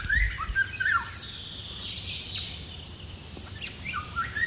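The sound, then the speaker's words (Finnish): Fluted, whistling song of a Eurasian golden oriole rings out in short bursts against a soft outdoor background, mellow, with several separate notes spread over a few seconds. “Myös huilumaisessa laulussa on mustarastasmaisia piirteitä.”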